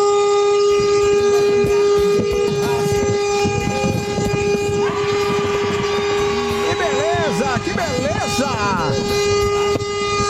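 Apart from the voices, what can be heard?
loud vehicle horn honking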